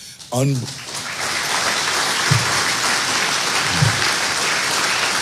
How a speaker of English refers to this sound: And let me tell you, you're not clapping for me. You're clapping for what God's done with me.